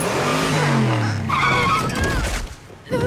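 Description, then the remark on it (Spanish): A car tears along at speed on a shortcut to the Ciudad Imperio convention center, its tires squealing loudly in sustained, wavering screeches as it skids and swerves, intense throughout, with a brief lull near the end. “Vayan, yo iré a estacionar el auto.”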